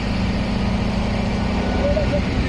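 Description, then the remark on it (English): A dump truck's engine runs with a steady, loud, low rumble while its bed is raised to unload about 3,000 kilograms of wet weeds from Dal Lake at a composting site, and a brief higher whine rises over the drone near the end. “I'm being told to move away as the truck bed is raised.”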